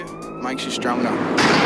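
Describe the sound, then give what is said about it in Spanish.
A police siren from the trailer of the documentary Bra Boys wails briefly, its pitch sliding downward, before giving way to a loud wash of street noise with indistinct voices underneath. “Hemos empezado con la policía, o sea que ya...”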